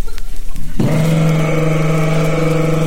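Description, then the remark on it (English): A voice imitates the engine of a Volkswagen as a man drives up in it, starting abruptly after a short quiet moment and holding a steady, buzzy, chugging putter, loud, until the end. “So here comes a guy in a VW.”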